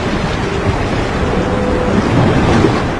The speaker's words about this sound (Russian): Но суша была совершенно пустынной. Над ней царила тишина, нарушаемая лишь шорохом набежавшей на прибрежный песок волны, да воем ветра среди скал.